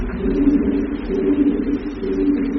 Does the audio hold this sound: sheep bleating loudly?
no